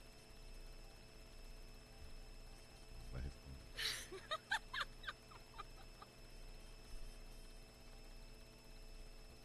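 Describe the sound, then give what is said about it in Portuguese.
A short run of chicken clucks, several quick choppy calls bunched together over a couple of seconds, against a quiet background with steady low hum. “Ah, da galinha.”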